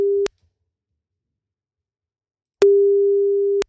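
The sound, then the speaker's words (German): A telephone ringback tone while calling: a steady, clear single-pitched beep lasting about a second, with the tail of an earlier one at the start and a long silent gap between. No voices. “Und dann heißt es nur noch ans Telefon gehen bei einer unterdrückten Nummer.”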